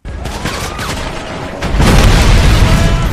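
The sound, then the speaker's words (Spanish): Video game audio of gunfire and vehicle explosions: a dense, continuous barrage of loud booms and crackling bursts, swelling into a deeper, rumbling blast partway through. “Estos tiroteos y explosiones de vehículos no son reales, no los hemos recogido en ningún suceso que haya ocurrido durante esta jornada, por lo menos en el mundo real, aunque puede ser en el digital”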